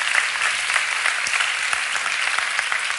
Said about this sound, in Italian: Vorrei che le facesse subito un applauso. Grazie.